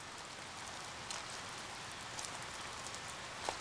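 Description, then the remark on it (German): Steady rain patters on a surface, a dense continuous hiss with scattered sharper drop impacts standing out now and then, as a black-tailed rattlesnake coils its body tightly to collect the rain to drink. No voices, just the even wash of rainfall. “In der so entstandenen Schale fließt der kostbare Regen nicht so schnell ab.”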